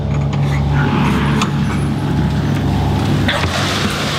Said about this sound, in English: And that strange noise is the sound of little trotters dashing towards the door. So there'd be 230 in this little pen here.